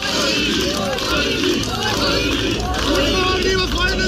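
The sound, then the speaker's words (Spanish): A dense crowd of supporters cheers and shouts continuously, many voices overlapping into a loud roar with no pauses, sustained throughout, as far-right candidate Ulrich Siegmund arrives at his polling station on an old blue motorcycle, accompanied by his wife. “El favorito en las encuestas, el que concentra todas las miradas, el ultraderechista Ulrich Siegmund, llegaba a su centro electoral en una motocicleta azul antigua, acompañado de su mujer y jaleado por su público.”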